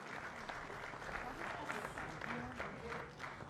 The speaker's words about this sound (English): Well, the good news is not that I'm going to play, but can we give the deputy minister a hand of applause?